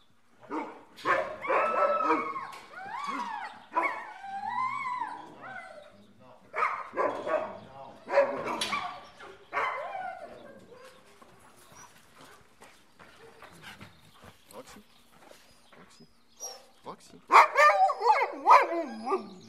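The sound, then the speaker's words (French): Several sled dogs bark and yip excitedly in a busy, overlapping chorus, fairly loud, with a sharp burst of barking near the end and people talking intermittently underneath, as two dogs, Roxy and Rebelle, are fetched for the morning outing. “Et donc, moi, je vais aller chercher les deux chiens qu'on va prendre ce matin.”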